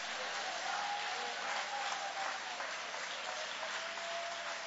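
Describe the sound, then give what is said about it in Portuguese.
An audience at a church worship service claps in praise of Jesus, a dense, continuous wash of applause with a faint sustained tone running underneath and no voices standing out. “Aplaude a ele, adore a ele, glorifica o nome dele.”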